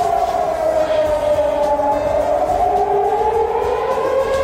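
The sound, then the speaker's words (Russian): A civil defense air raid siren in Bashkortostan, Russia, wails steadily during a scheduled test, its tone slowly sliding upward over a constant loud drone, with faint rumbling background noise and no voices. “Единственный раз, когда жители услышали вой, это была плановая проверка 4 марта 26 года.”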